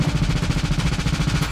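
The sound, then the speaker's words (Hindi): Rapid gunfire at a street festival in midtown Toronto, Canada, on a Saturday evening rattles off in a fast, evenly spaced string of sharp cracks that runs without pause for the whole moment, loud and steady, with no voices heard. “Festival में गोलियों की तड़तड़ाहट, अफरा तफरी का माहौल, चीखते चिल्लाते लोग।”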